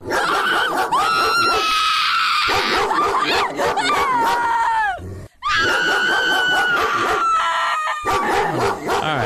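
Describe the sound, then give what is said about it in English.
A pit bull barks loudly and almost nonstop, rapid barks mixed with drawn-out, screechy yelping tones, broken by one brief pause midway. No one speaks. “That's I'm going pit bull on that one. You are correct.”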